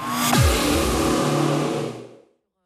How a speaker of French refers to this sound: L'autoroute. C'est exactement ça, ouais.